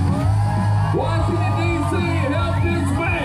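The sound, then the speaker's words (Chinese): A rodeo crowd on the National Mall in Washington cheers loudly and steadily at an American rodeo closing the celebrations of the nation's 250th anniversary, standing and applauding, many voices whooping and yelling at once with rising and falling shouts layered over a constant dense roar. “华盛顿国家大草坪的一场美国牛仔竞技表演让观众起立鼓掌，这通常被称为体育项目中最狂野最危险的8秒钟。”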